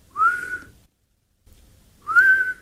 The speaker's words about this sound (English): I breathed in, and it kind of whistled.